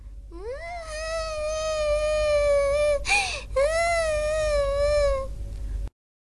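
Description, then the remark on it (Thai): A kitten meows loudly in a long, drawn-out, wavering cry that breaks briefly midway, then stretches on again before stopping; no one speaks. “เป็นอะไรหรือเปล่าแมวน้อย”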